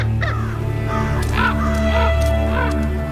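Ravens, gathering in numbers at a white-tailed deer carcass torn apart by wolves on an icy lake shore after a -40 °C night, call in a loose series of about five hoarse, harsh croaks spaced unevenly over a steady low droning background, with no talking.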